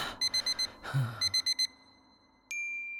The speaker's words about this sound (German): Da klingelte der Wecker.